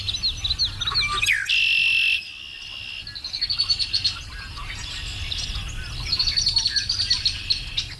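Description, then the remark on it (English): Birds chirp and trill repeatedly in the rural Ontario wilderness, with a steady layer of frog or insect calls humming beneath. A sharp, buzzy call stands out briefly near the start. “I missed the sounds of the rural Ontario wilderness, you know, the red-winged blackbirds in the morning and the whippoorwills and the bullfrogs.”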